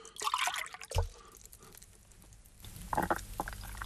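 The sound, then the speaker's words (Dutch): Liquid being poured into a glass, with gurgling and splashing bursts, a soft thud partway through, then a fuller pouring rush near the end. No one speaks. “Wil je even een slokje? Of? Laat ik dat maar doen.”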